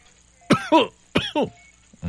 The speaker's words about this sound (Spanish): y le pone el estetoscopio en la espalda, ¿no? Así. A ver, tosa. A ver, de este lado, también tosa.